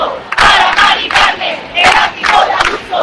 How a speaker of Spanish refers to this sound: 10.000 personas, según la delegación del gobierno en Madrid, agitando sus llaves a modo de protesta frente a ese ático de la Comunidad de Madrid.